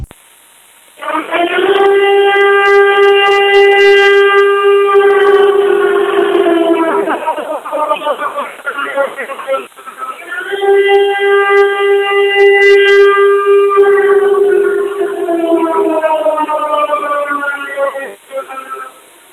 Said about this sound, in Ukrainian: Увага, громадяни, повітряна тривога, жовтий рівень загрози. Якнайшвидше дістаньтесь захисної споруди або іншого безпечного місця.